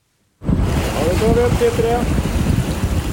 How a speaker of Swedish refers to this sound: Forskningsfartyget Svea vinschar en blåsig tisdag morgon upp en ställning med tuber ur havet efter att ha hämtat vattenprover från olika djup. Det här görs varje månad på en rad platser i haven runt södra Sverige.